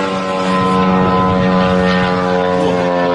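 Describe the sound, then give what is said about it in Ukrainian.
A Ukrainian drone's propellers buzz steadily overhead over Moscow, a loud, continuous engine whine with a rich harmonic hum that holds without pause for the full few seconds, and no voices. “А наступного дня – нові візити українських дронів.”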